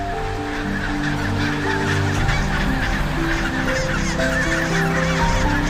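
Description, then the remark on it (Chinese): A mating pair of chinstrap penguins call together in loud, braying honks with stacked harmonic tones, overlapping and sustained with no pauses, and no one speaking. “这是属于帽带企鹅夫妇的亲密时刻。”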